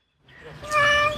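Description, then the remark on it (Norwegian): A single cat meow, rising and drawn out with a clear tonal, harmonic cry, fairly loud, heard on its own without any talking. “Denne katten og eieren hennes slapp unna med skrekken.”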